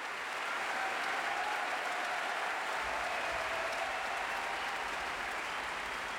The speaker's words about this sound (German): gibt es tosenden Applaus für 8 grandiose Stimmen aus Großbritannien von der ausverkauften Helmut-List-Halle in Graz und das völlig zu Recht.